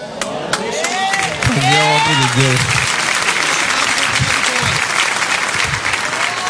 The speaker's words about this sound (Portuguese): As palmas de vitória para Jesus.